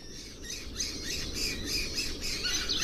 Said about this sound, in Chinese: 时光流转，春天悄然而至。一群叽叽喳喳的黄爪隼引起了金雕的好奇。